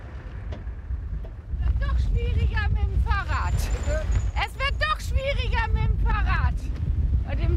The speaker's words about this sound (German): Wind.